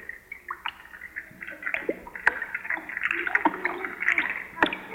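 Water bubbles and gurgles continuously in a bubble bath, with small splashy pops and a brief swell of churning partway through, moderately loud with no voices.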